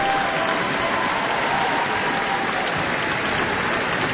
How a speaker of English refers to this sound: And you can hear some more cheers. They want to see violinist Chloe Chua again.